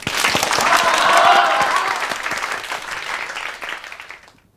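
A class of students claps to welcome their head teacher for a New Year speech, a dense patter of many hands, loudest in the first second or two, then easing and tapering off to silence near the end.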